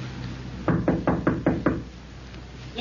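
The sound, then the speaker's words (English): A quick series of six firm knocks on a door, evenly paced, knocking again for the people inside to answer, with no one speaking. “Knock again.”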